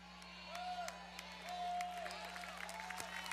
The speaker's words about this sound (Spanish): Fuerte ese aplauso.